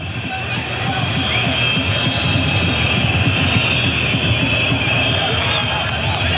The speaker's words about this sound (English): And the defiant shrill whistles from the Moroccan supporters as the opposition's in possession despite a disheartening day for them.